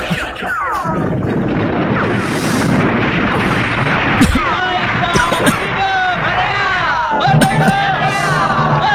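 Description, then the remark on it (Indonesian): A crowd roars and cheers in victory in a dense, continuous wall of voices, broken by several sharp, loud gunshot-like bangs scattered throughout. “Aku rasakan dan ku dengar sorak-sorai itu.”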